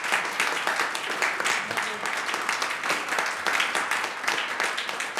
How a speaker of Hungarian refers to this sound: Kedves hallgatóink, kedves közönségünk, a Klasszikus és Jazz című sorozatunk mai koncertjén a 60 éves Egri János nagybőgőst köszöntjük egy nagy tapsot neki.